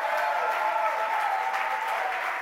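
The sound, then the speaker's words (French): A crowd claps steadily one morning to applaud the Lord Jesus, a dense, even wash of many hands applauding at once, with faint voices mixed in beneath the clapping. “Est-ce qu'on peut applaudir le Seigneur Jésus ce matin?”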